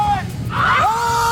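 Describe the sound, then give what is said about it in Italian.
A group of people standing at the railing of a lakeside pier scream together on a count of three in a sustained, rising cry that swells and holds steady, heard at moderate loudness over a murmur of background voices. “Si urla tutti quanti.”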